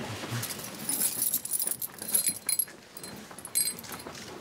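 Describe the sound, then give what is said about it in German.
Metal keys jingle and clink in several bursts, a bright rattle with short pauses between, over a low background rumble and no talking. “Haben Sie mal den Schlüssel?”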